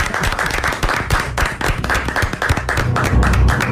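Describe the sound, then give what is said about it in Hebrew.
A crowd applauds with sustained, dense hand clapping that stays loud and steady throughout, the many overlapping claps blending into a continuous roar; the applause is for a competing rabbi's answer in a contest. “אני הייתי מציע שנפתח במחיאות כפיים.”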